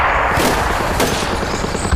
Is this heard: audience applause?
no